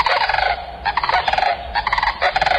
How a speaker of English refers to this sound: Antigone canadensis, the sandhill crane.